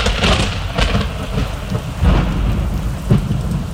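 Steady heavy rain hisses and patters at night while low rumbles of thunder roll underneath, swelling a few times, with no voices.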